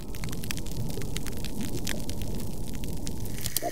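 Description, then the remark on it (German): Underwater soundscape of a degraded coral reef: a steady, dull low-frequency hiss and rumble, broken only by sparse, faint crackling clicks scattered throughout, with no voices. “So hört sich ein degradiertes Riff an.”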